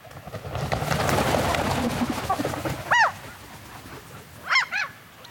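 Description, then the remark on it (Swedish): Birds calling outdoors at night at Björköby in Ostrobothnia, Finland, during the first dark hours of a bird-song night on 9 May: a soft, busy wash of chatter, then one loud nasal honking call midway and a quick pair of similar calls near the end. “Så här lät det på en av våra sändningsplatser vid Björköby i Österbotten i Finland under sändningens första mörka timmar.”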